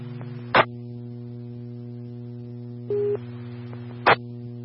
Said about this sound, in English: South Zone, Central Zone. Medic 6, these are tones for you to respond to a structure fire at 56 Road 5793.